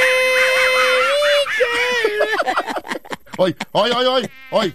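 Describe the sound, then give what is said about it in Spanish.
A person hums in a thin, nasal, buzzing tone with wavering pitch, so it resembles a mosquito's whine, then breaks into short, choppy sung syllables. “Estoy yo cantando, no es el zancudo.”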